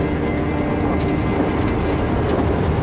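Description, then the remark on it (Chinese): A train rolls steadily along the rails, a dense, continuous low rumble with faint rattling on top, heard from inside the carriage with no voices. “昨天还在排堂会，今天就在火车上，像做梦一样。”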